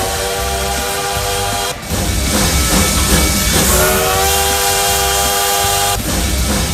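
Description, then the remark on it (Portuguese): A loud, sustained train whistle blows in long harmonic blasts over a steady hiss of steam, with a brief break partway through before the tone returns. No one speaks. “Então solta o trem-bala aí, meu filho.”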